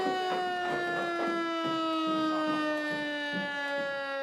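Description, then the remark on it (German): A civil defense siren sounds during a test alarm at 12 o'clock: one loud, sustained, rich wailing tone that holds steady and sinks slightly in pitch, with faint rhythmic thumps underneath and no talking. “Ja, 12 Uhr. Pro Alarm.”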